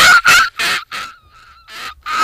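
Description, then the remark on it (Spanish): A person, a first-year student, imitates a seagull: a rapid series of harsh, raspy squawks, about six loud calls with a softer, wavering drawn-out cry in the middle, nothing else audible. “Tiene una respera muy, muy de gaviota, la respera esa que le sale, muy de gaviota ya viejita, ¿no?”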